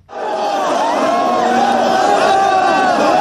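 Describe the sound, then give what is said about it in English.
A dense, loud crowd of tens of thousands roars continuously in Nairobi's streets, gathered to see the coffin of Raila Odinga; many voices shout and chant together, with overlapping cries and whoops filling the scene throughout. “Tens of thousands packed Nairobi's streets to see his coffin a year ago as his body returned home from India, where the veteran opposition leader and former prime minister had died.”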